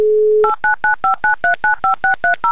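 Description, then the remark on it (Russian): A steady dial tone hums briefly, then cuts to a quick run of about eleven beeping touch-tone keypresses, each a short, evenly spaced dual-pitched chirp, with no voices, as a contestant's phone number is dialled again. “Давайте еще раз ему наберем.”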